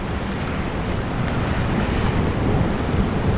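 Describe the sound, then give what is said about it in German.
Steady roar of sea waves rolling in from the south onto the shore of a small island, heard from a roof terrace, mixed with gusty wind buffeting the microphone, a dense continuous wash of noise with no voices. “Von der Dachterrasse aus sieht man, wie die Wellen vom Süden her auf die kleine Insel zurollen.”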